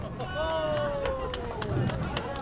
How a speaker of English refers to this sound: the birthday girl and her family applaud a bumper-assisted spare.